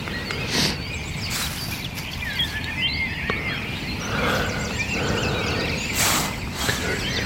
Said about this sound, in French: Sachant que de partout, c'est encore plus impressionnant que le soir, le concert des oiseaux.